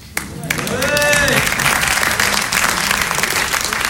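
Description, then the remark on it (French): A comedy audience bursts into sustained applause as a sketch ends, dense clapping rising quickly and holding steady, with a brief voice or whistle-like tone rising over it early on. “Non, mais c'est vrai, depuis le début, dès qu'un sketch se finit, vous applaudissez.”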